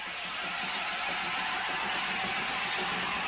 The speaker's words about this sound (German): Das nach dem Basler Ingenieur Niklaus Rickenbach benannte Zahnradsystem kommt in Schwung. Dampflok Nummer 16 beginnt den Aufstieg zu der 8,5 Kilometer entfernt liegenden Gipfelstation Rigi-Kulm.